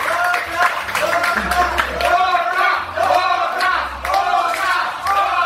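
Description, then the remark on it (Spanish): A live audience cheers and claps, with many voices shouting together over a steady, loud wash of applause that keeps going for the whole few seconds. “se sienta el aplauso para usted.”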